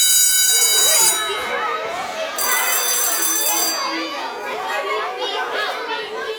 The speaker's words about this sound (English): It means when you hear these tones, you are just a few minutes away from emergency weather information.